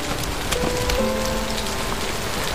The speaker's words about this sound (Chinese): 我讨厌下雨。自从那个雨夜之后，我不但讨厌下雨，而且是害怕下雨了。